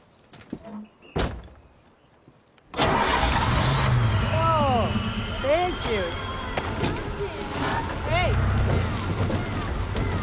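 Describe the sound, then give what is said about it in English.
After a quiet moment and a sharp click, a car engine abruptly turns over and roars to life, then keeps running loudly with revs that rise and fall in pitch. “Try the engine.”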